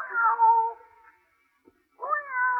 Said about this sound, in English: Kitty. Come on, jump up. Plenty of room.